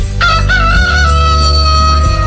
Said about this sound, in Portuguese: O galo cantou.